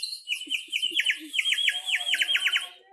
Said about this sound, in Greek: Μαντέψατε, ήταν τα πουλιά που κελαϊδούν το καλοκαίρι.